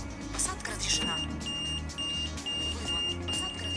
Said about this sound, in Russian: А потом, активировав звуковой маяк, найти нужную дверь.